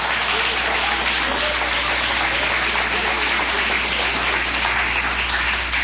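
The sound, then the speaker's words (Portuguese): A large group claps steadily and loudly for Jesus for several seconds, a dense, continuous patter of many hands with no voices standing out. “Podeis assentar, assentando aquelas palmas bem bonitas para Jesus.”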